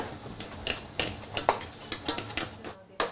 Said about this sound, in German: Jetzt für die Vinaigrette Speck anbraten, Schalotten dazugeben, Estragon fein hacken.